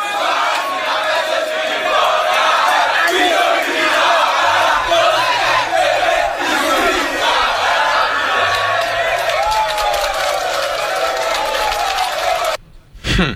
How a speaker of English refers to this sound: You see the how they ended the whole thing with claps, applause